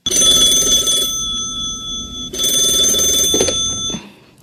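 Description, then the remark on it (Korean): A telephone rings loudly, with two long bell-like bursts separated by a brief pause, then the ringing cuts off. No one speaks. “네, 잠시만 기다리세요. 당신 전화예요”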